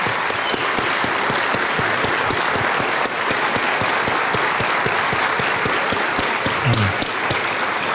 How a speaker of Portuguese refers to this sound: Amém. Amém. Glória a Deus. Vamos aplaudir.